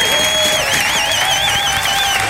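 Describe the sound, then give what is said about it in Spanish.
Steady, dense applause for construction workers fills the scene, loud and continuous, with high wavering whistle-like tones sliding up and down above the clapping throughout. No one speaks. “Fuerte el aplauso, saludos para todos los trabajadores de la construcción.”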